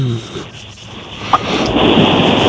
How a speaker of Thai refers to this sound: ตอนนี้ที่สาทร ครับ ฝนตกหนักมากเลยครับ